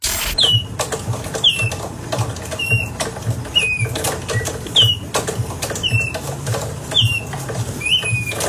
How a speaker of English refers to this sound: this $15,000 piece of art that you hang on the wall, you turn a handle, and then the bird makes bird noises